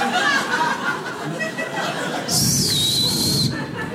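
A loud, shrill whistle from the audience rings out for about a second, rising over a steady murmur of crowd chatter and scattered laughter.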